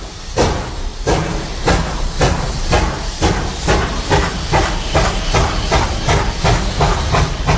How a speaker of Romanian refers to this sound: Ori de câte ori pune banda aceea cu mersul trenului, îmi dau lacrimile.